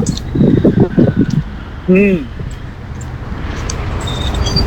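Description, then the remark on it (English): A bus rumbles past on a street, its broad engine and road noise swelling toward the end, with a brief whining tone midway and murmured voices near the start. “There's the bus. You can't catch it.”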